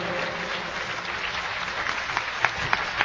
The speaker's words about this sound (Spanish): Yo creo que se merece un aplauso más fuerte.